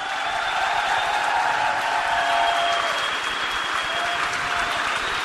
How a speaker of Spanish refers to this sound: Pero los que honran a Dios, los que aplauden a Dios, los va a iluminar el sol de justicia que es Cristo. Ese aplauso es para el Señor.